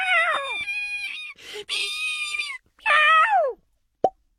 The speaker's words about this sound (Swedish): Plopp! Fröet stängde in sig i nöten igen.